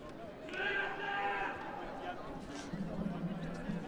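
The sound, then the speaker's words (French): A voice imitates a sheep's bleat, a single wavering, nasal baa lasting about a second, followed by a low hum of background noise and murmuring. “Du coup, c'est pas ça, nos moutons.”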